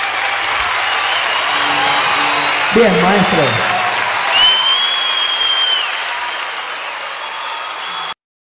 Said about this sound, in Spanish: Fuerte el aplauso.